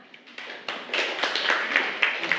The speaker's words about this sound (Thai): ขอเสียงปรบมือให้กับกลุ่มที่3ด้วยค่ะ